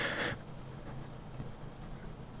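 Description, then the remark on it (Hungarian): A single short, airy slurp of someone taking a quick sip of coffee from a cup, followed by quiet room tone with no talking. “akkor most beleiszok a víz kis kávénba.”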